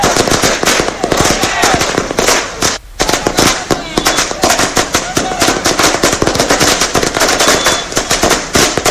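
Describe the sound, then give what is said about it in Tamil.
A long, loud string of firecrackers bursting in rapid, crackling succession, with dense sharp pops continuing almost without pause apart from a brief gap, outdoors, set off by AIADMK party workers celebrating in Tindivanam. “திரு C V சண்முகத்தின் Villupuram மாவட்ட செயலாளர் பதவி பறிக்கப்பட்ட நிலையில் அதிமுக தொண்டர்கள் திண்டிவனத்தில் பட்டாசு வெடித்து கொண்டாட்டத்தில் ஈடுபட்டனர்.”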